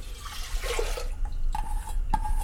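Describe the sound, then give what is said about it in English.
Water splashes and gurgles as 4.5 cups of it are poured into a preheated pressure cooker with dal, a steady liquid rush lasting a couple of seconds with a brief rising tone near the end, with no talking. “And then I'm measuring 4.5 cups of water.”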